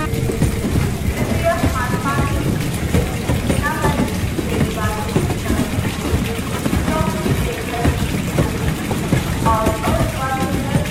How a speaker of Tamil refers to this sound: பாரு, இந்த பசங்க பொறுப்பே இல்லாம டேப் க்ளோஸ் பண்ணாம போறாங்க. தண்ணீரை சேமிப்போம், வருங்காலத்தை காப்போம்.